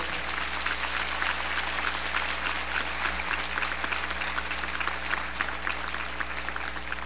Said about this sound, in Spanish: Si usted está agradecido con Dios porque nos ha dado un día más de vida, yo le voy a pedir que por favor le dé un fuerte aplauso a Él.